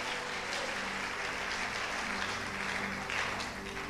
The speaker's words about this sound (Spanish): Dale un aplauso a Dios.